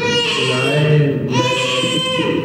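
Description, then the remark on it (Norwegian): A baby, the infant Prince Haakon Magnus of Norway, cries loudly and continuously, with a brief catch of breath midway before the wailing resumes, strained, with no one talking. “Nei, svarte mor. Så sette han i å skrike.”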